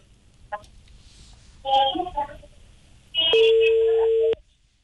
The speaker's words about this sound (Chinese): 应该正在拨打当中。